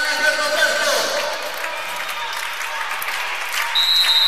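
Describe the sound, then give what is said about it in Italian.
Fans cheer and applaud at a match where Valdiano leads 15-6, in a steady, dense roar of clapping and voices that holds at a fairly loud level throughout, with a thin high whistle-like tone rising near the end. “incitato dai tifosi.”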